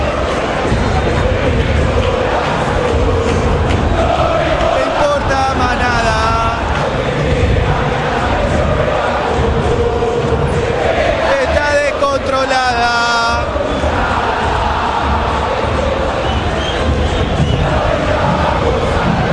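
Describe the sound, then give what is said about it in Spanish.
A packed stadium crowd of Boca fans at La Bombonera roars and applauds continuously as the Ecuadorian player Valencia comes on as a substitute, a loud dense wall of cheering with rising chant-like swells and whistles, sustained throughout without pause. “Escuchen a la gente de Boca, dentro Valencia. Qué aplausos para el ecuatoriano, ¿eh?”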